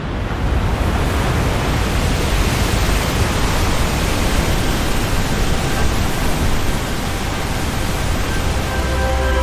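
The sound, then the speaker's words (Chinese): The roaring Victoria Falls in wet-season flood, with about 5,000 tons of river water per second pouring down. It is a loud, dense, unbroken rush of water that holds steady throughout, with no voices or other sounds. “在湿季的汛期，每秒约有5000吨的河水从维多利亚瀑布倾泻而下。”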